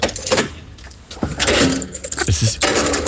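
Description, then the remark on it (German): A heavy underground car park door is unlocked with a metallic click and clatter, then swings shut with a loud thud in a reverberant space, as someone goes to fetch a car from the garage. “Und das war das Geräusch der Tiefgaragentüre.”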